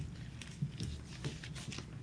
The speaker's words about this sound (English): You'll hear the paper crinkly. I don't know whether it's the weather or whatever, but I have to do it, guys.